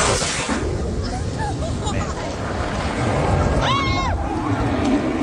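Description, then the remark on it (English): A Blue Angels fighter jet buzzes low over a crowd, its loud, steady roar filling the air throughout, with a brief rising and falling high-pitched whine near the end. “And I think it's kind of a ritual that they kind of quote unquote buzz the crowd like Tom Cruise did in Top Gun.”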